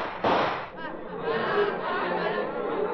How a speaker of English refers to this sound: Watch, I'll show you with the fire from my gun.